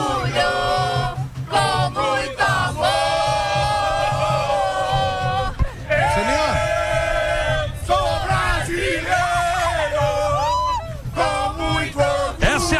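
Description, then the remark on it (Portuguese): A large crowd at MetLife Stadium chants the football cheer "Eu sou brasileiro, com muito orgulho" in unison, loud sustained sung phrases rising and falling in rhythmic waves with shouts and whoops mixed in throughout. “Vamos com grito de eu sou brasileiro com muito orgulho, pode ser?”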